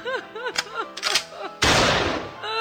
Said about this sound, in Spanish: La mujer del campesino lo vio, tomó su rifle y disparó.